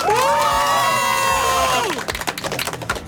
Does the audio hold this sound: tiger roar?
no